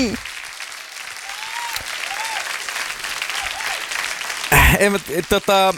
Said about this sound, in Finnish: Tuosta aplodit.